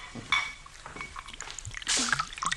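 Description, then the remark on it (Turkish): Fruit juice is poured into a glass, making a steady gurgling splash with quick rising bubbly chirps and a soft clink, louder in a burst near the end. No one speaks. “Meyve suyu ister misin? Tabii, ver ben açayım. Burada bardak var.”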